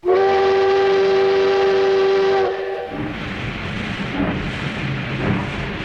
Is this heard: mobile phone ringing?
no